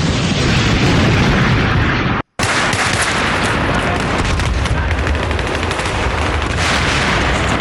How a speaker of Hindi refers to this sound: अब नौशेरा की इस MMG पोस्ट पर चारों ओर से दुश्मनों ने आगे बढ़ना शुरू किया और जबरदस्त बमबारी और गोलियां बरसाते हुए काफी पास आ गए।